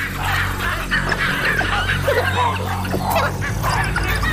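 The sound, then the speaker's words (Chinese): Baboons give a run of harsh, overlapping alarm barks and excited chatter, continuous, as a rare hunting party of wild dogs passes, over a low steady rumble in the background. “狒狒因为其他事情发出了警报。”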